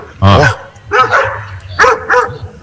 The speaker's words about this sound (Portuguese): Deve ter uns 50 cachorros, Maurinho.